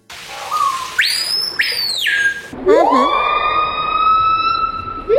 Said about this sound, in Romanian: Dar da, este o pasăre care se numește Piha și este una dintre cele mai gălăgioase păsări. Se aude prin Amazon, pe acolo.